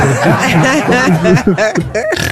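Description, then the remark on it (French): Someone imitates a pig, making a quick run of voiced, snorting grunts that rise and fall in pitch over a couple of seconds, with a chuckling quality. “Ça y est, fait le cochon.”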